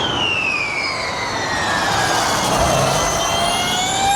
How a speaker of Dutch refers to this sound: Ik dacht eerst dat vuurwerk te horen kregen, maar dat was wat anders. Dat gaat wel zo hard als een vuurpijl, denk ik. Ja. De Formule E is dit, dat laatste geluid wat u hoort. Het komt naar het circuit van Zandvoort, dat is de elektrische raceklasse.